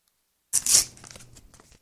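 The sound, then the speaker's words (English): A sealed, sticky envelope of mail is torn open by hand with a finger: a sharp ripping burst followed by a second of softer crinkling and scraping paper as the flap gives way. No one speaks. “Oh, this one's a sticky. It's really. Now, I do have scissors. But I'm gonna stick my finger in here.”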